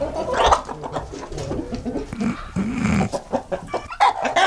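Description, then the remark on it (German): A hen, one of three hens, clucks and cackles repeatedly in short, busy bursts, fairly loud, with a few drawn-out squawks mixed in over faint background noise. “Und es geht darum, bitte zu erraten, welche dieser drei Hennen schon mal einen Preis bekommen hat. Komm, also und Henne Nummer 1. Anhand des Gackerns.”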